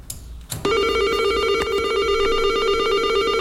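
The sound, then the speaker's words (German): A door buzzer at the entrance of a multi-storey apartment building beside a construction site lets out a loud, steady electric hum with a bright, rich tone, sounding continuously for about three seconds after a couple of brief clicks and knocks. “Nach einem Zeitli surrt es und ich habe ins Stegenhaus.”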